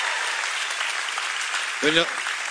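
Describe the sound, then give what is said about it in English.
A church audience applauds to welcome home a pastor now serving in Grenoble, France, in a dense, steady wash of clapping that holds at an even loudness throughout, with a brief voiced shout or cheer rising over it near the end. “No golf claps here.”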